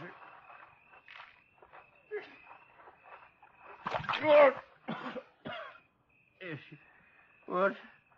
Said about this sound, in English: Scoop some water out of that rain barrel there and throw it on him, huh?